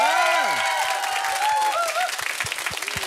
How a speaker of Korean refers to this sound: 이야, 세 분한테는 박수 한번 주세요.